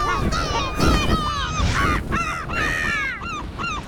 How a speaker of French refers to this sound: Le goéland arrive au-dessus d'une petite plage de sable où des gens pique-niquent. Le goéland s'élance en criant.